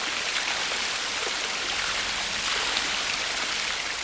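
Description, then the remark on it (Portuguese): Steady rushing of running water from an urban waterfall confined between Rua Frei Caneca and Avenida 9 de Julho in central São Paulo, Brazil: a dense continuous hiss, loud, holding even without pauses and with no voices. “Temos uma cachoeira confinada entre a Rua Frei Caneca e a Avenida 9 de Julho.”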